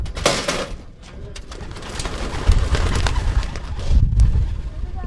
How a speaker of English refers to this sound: A quick circle or two above the barn, and the pigeons disappeared into the blue morning sky.